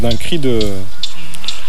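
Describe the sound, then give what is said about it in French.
A Eurasian blackcap's alarm call: a few sharp, dry ticks like pebbles knocked together, spaced about half a second apart, fairly faint, with a man speaking over the start. “Donc c'est la fauvette à tête noire qui là, on dirait des galets qui tapent.”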